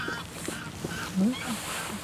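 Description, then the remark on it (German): Greylag geese honk in a few scattered, nasal calls, one slightly louder burst near the middle, carrying over a steady hushed outdoor background, heard at night under a full moon during a canoe trip. “Das sind die Graugänse.”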